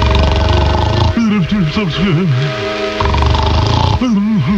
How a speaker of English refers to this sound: The little tailor, hiding in his corner, waited till he heard the giant snoring.